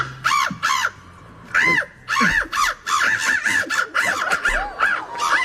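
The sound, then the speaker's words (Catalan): A person imitates a bird call at an official bird-imitation championship in Warsaw, Poland, with a rapid series of loud, harsh, arching squawks and chirps, repeated in quick bursts with brief gaps between them. “Això és una persona imitant a un ocellet.”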